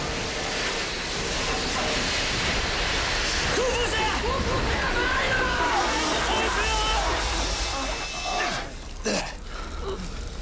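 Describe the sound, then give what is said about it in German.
Water gushes in a loud, steady roar as it floods into a submarine through a leaking torpedo hatch, with strained voices briefly heard over the rushing spray before it surges again near the end. “Torpedo-Luke macht Wasser!”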